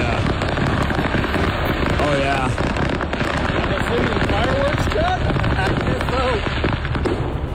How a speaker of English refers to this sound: unbelievable display on the side of a highway in Tennessee as this trailer carrying fireworks ignited and everybody and their brother on the highway taking video of this thing as it just went forever. Boom, boom, boom, boom, boom, boom, boom, boom.